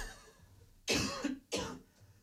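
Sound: coughing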